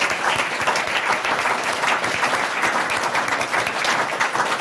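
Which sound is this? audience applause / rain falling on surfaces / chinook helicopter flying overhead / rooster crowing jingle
audience applause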